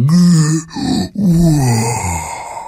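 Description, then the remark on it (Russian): A huge old lion in a cage gives a deep, drawn-out yawning roar, loud, rising and falling in groaning swells with two brief breaks for breath. “И он протянул руку в клетку, погладил морду огромного льва, который открыл пасть и, как бы зевнув, прорычал.”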